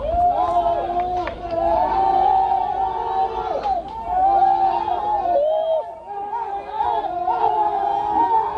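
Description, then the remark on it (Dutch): A crowd of rescuers outside a flooded cave in Laos cheering and shouting loudly at news that five men were found alive, many overlapping voices rising and falling in pitch in continuous excited waves for the whole stretch. “Luid gejuich, maar de zoektocht is nog niet voorbij.”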